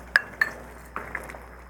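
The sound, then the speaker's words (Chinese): A spoon clinks against a ceramic bowl of soup several times while someone eats: two bright, ringing taps, then a few softer scrapes and knocks, with no talking. “还要啉一下汤”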